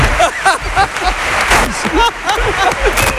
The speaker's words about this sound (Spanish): Es que me he fijado que estabas aplaudiendo ahora mucho, tú también. Estaban aplaudiendo ahí yo y tú estabas aplaudiendo más que nadie.